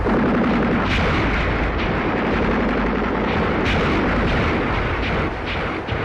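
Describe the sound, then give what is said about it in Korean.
A continuous battle soundscape of dense gunfire and booming artillery at Dosuseong, with sharp bursts cutting through a loud, rumbling wall of explosions throughout as the fighting intensifies, no voices. “도수성에서 총소리가 터지자 저가의 전투는 한층 더 가열해졌다.”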